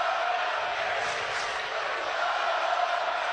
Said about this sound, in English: Oh, that ground ball went five hole on Ryan Lynch. It was right back through the wickets of the pitcher. 103 off the bat from Guzman. And that brings the Mountaineer crowd to life.